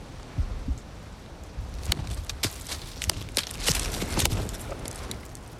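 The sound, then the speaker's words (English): A series of sharp knocks made by hitting a tree trunk in the woods, a tree knock used as a call and response by Bigfoot believers, a couple of dull thuds followed by a quicker irregular run of hard raps, outdoors in windy weather with a steady background of wind. “A tree knock. It's a type of call and response from hitting a tree.”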